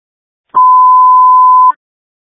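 A phone ringtone sounds as one loud, steady electronic tone, held for just over a second before cutting off cleanly, with no voices around it.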